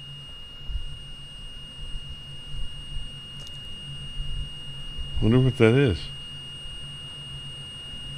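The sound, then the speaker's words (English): A faint, steady high-pitched electronic tone persists throughout, like an alarm that won't stop, over a low background hum, with a person briefly speaking partway through. “You have something, you have an alarm or something going on.”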